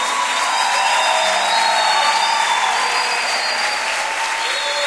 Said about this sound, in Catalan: aplaudirle fuerte al Señor en esta noche.